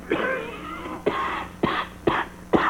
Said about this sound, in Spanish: Y esta tos es de perro, mire. Ah, pa, pues esa tosecita me se hace sospechiva, gañón.